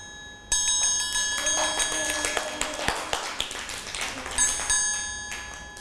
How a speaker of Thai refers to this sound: ระฆังสามเหลี่ยมนั่นเองค่ะเด็กๆจะต้องฟังสัญญาณจังหวะจากเครื่องดนตรี